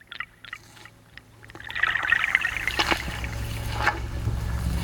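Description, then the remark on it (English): A few soft drips land one by one, then a steady trickle of running water rises and continues, with splashy bursts scattered through the flow. “Drip.”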